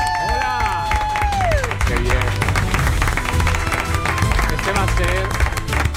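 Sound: studio audience applause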